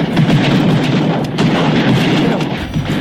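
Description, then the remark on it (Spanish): A dense, continuous barrage of fireworks booms and crackles at night in Boca Sur, San Pedro de la Paz, with sharp bursts standing out over a steady rumbling wash of explosions, loud and unbroken throughout. “¿Eso qué son los fuegos artificiales de Boca Sur que hay en las noches?”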